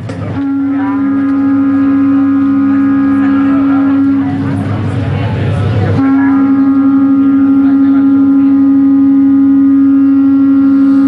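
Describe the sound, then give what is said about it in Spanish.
Three horns blare together in a loud, sustained low drone of blended tones. Midway the sound turns rough and breathy for about two seconds, then the steady chord returns and holds. “Que caracteriza este sonido, pero si ya los juntamos, los unimos a otros más, fíjate cómo suena un trío de cuernos.”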